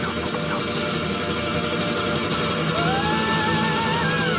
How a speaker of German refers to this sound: Bis hier höre ich die Motoren.